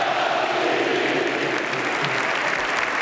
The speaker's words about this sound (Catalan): Us demanem, si us plau, un aplaudiment enorme per Robert! Robert!